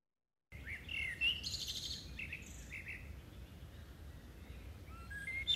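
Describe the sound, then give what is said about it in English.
Birdsong outdoors: several birds chirping and twittering in short, bright phrases over a steady low background rumble, fairly quiet, with no voices. “they are recording birdsong on their phones and using AI to work out exactly”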